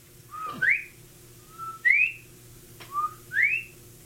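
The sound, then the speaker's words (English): A whistled bobwhite call from down the creek at night, repeated three times, each a short low note followed by a sharp, rising slurred whistle, clear and fairly loud over a low steady hum, with brief pauses between. “A sharp Bob White call from down the creek somewhere.”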